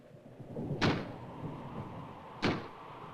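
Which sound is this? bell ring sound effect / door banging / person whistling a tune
door banging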